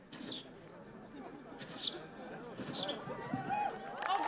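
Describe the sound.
A contestant at a bird-call imitation competition imitates a sparrow's call with three sharp, high, chirping squeaks spaced about a second apart, over a steady murmur of crowd chatter.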